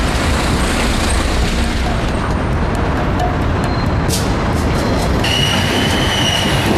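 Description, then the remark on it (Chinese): A large train roars across a bridge over the border river at a border crossing in Hekou Yao Autonomous County, Yunnan, China, with a steady heavy rumble over its full length, sharp metallic clanks and high wheel squeals rising near the end. No voices. “大火车跨过界河呼啸而来，100多年前的站台才昭示了时空。”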